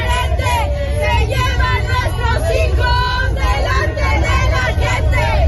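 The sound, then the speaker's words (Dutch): A large crowd of protesters, mostly relatives of missing persons, chants slogans such as 'Mexico, champion of disappearances' at the stadium in Mexico City hosting the World Cup opening match, many loud voices overlapping in a steady rhythmic roar over low traffic-like rumble. “De demonstranten riepen leuzen als Mexico kampioen van de verdwijningen.”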